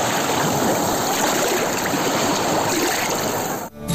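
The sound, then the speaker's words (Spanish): Steady, loud rush of surf washing onto the beach at Laxe on the Costa da Morte, a dense hiss of churning water with no voices, briefly dipping near the end before resuming. “Así soan las ondas na praia de Laxe.”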